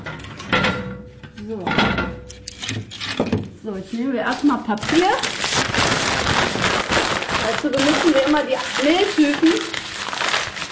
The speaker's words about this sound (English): shows us how to build the fire, crumpling paper, tearing cardboard and building the wood into the oven so she can get a good burn going.